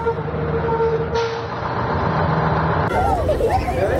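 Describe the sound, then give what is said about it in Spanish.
School buses in the Basque Country (Euskadi), Spain, rumble and idle as they arrive at their stops, a steady engine drone with a sharp hiss of air brakes near the end, and faint voices murmuring in the background. “Los autobuses escolares llegan a sus paradas, pero no todos los niños pueden ir a la escuela.”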